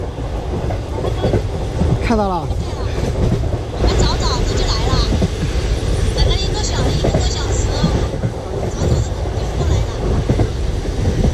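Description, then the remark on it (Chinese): A military train rolls past through a soldier's hometown, a loud, steady rumble with rhythmic clacking of wheels on the rails that continues unbroken throughout, with brief rising tones and faint voices mixed into the noise. “得知军烈途经家乡”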